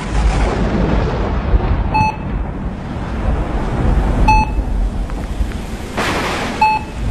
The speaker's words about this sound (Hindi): बिजली कड़क रही है, पानी बरस रहा है, इस तूफान की आवाज सुनते हो?